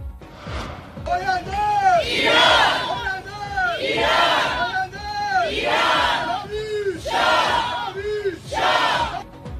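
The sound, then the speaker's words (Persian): A large crowd of Iranian protesters, at a gathering held in cities around the world on the fourth anniversary of the Mahsa movement, chants and shouts in rhythmic waves, voices rising and falling together in repeated bursts, loud and sustained throughout. “گرد همایی ایرانیان در شهرهای مختلف جهان همزمان با 4 سالگرد جنبش مهسا، از اقیانوسیه و اروپا تا قاره آمریکا، شرکت کنندگان بر حمایت خود از مطالبات معترضان در ایران تاکید کردند.”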